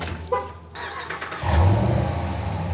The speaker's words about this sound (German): Ja, Sie können den Wagen von weiter weg starten. So können Sie sich jede Menge Zeit sparen.